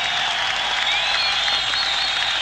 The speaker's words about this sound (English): you should give an enormous round of applause to Bianca for her wonderful job in that song